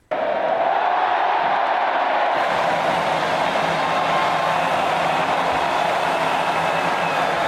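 A large crowd surrounding a stage at Plaza de Cibeles in Madrid roars and cheers outdoors at the Spain team's title parade as captain Rodri lifts the trophy, a loud, dense, continuous wall of voices that starts abruptly and holds steady throughout, with no single voice standing out.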